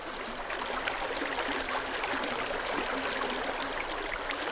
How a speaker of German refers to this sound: Was Sie im Hintergrund hören, ist die Moldau an ihrem Ursprung. Noch ein leise plätscherndes Bächlein im Böhmerwald, dem Nationalpark Šumava.